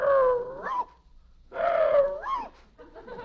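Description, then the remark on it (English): A man imitates a dog as if he were a Boston Terrier, letting out two long, drawn-out barks with a rising yelp at the end, followed by the start of a third, loud. “He thinks he's a Boston Terrier.”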